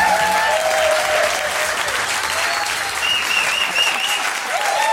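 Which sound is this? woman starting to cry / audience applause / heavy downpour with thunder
audience applause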